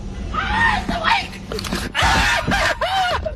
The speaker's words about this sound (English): Unfortunately for our friend, the whole internet heard that scream and couldn't help but comment.